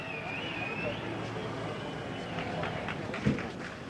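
A shrill whistle, blown at a changing of the guard on the eastern side of Ebertstraße by the Brandenburg Gate, Berlin, sounds for about a second with a slightly wavering high pitch over a steady murmur of crowd noise, followed by a brief thump.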